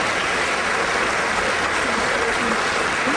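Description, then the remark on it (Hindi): A crowd applauds after a song is sung, in a thick, continuous roar of clapping that stays steady and loud for the whole stretch. Individual claps blur into a bright, hissing wash, and no one speaks over it. “और ये तालियों की गड़गड़ाहट जो है, क्योंकि हमारे जो श्रोता मित्र हैं, जो लिसनर्स हैं, वो इस वक्त तो आपको कह नहीं पाएंगे, लेकिन उनके दिल की आवाज़ उन तालियों के रूप में हम आप तक पहुंचा रहे हैं, क्योंकि इनमें बहुत प्यारा गाया।”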